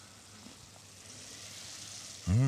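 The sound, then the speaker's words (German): Peeled, braised tomatoes with thyme, oregano and a little bay leaf sizzle steadily in a pan, a continuous soft crackling hiss. Near the end, a person starts speaking over it. “Wir haben sie geschmort und jetzt in der Pfanne.”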